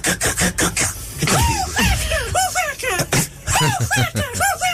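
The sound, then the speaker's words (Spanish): A person whistles an imitation of the call of the caracolero bird: a run of quick, rising and falling chirped notes, high and bright, repeated in rhythmic bursts with a raspy, scratchy texture at the start. “Al mejor imitador de pájaros. Sí, sí. Que hacía el pájaro caracolero.”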